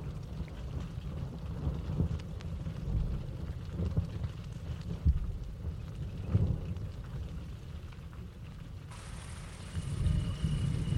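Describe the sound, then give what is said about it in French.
Rain starting to fall: soft, steady pattering over a low rumbling background, with scattered drops ticking; a brighter hiss joins in near the end as the shower picks up. “commence à pleuvoir.”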